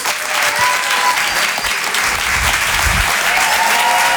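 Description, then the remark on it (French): Steady, dense applause from an audience at a Rire et Chanson comedy evening, welcoming the comedian Karim Duval, loud and continuous throughout, with a bright crackling texture of many hands clapping and a faint crowd murmur underneath. “On va l'applaudir très très fort lui aussi.”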